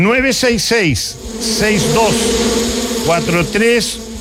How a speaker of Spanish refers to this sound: Oye, ruido de abeja.